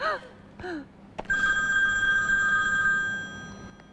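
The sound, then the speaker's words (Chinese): A telephone rings with a steady, high electronic tone that holds for nearly two seconds, following a couple of brief vocal sounds at the start. “哎，这谁给我打电话？”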